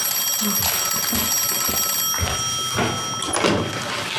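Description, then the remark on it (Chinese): A telephone rings with a steady, high metallic bell tone that carries on for a few seconds, while scattered rustling and soft knocking noises sound underneath. “哎，你怎么不接电话呀？”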